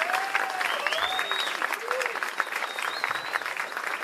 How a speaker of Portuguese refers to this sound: Queria pedir uma salva de palmas especial para o nosso técnico de som, assim, que é um craque,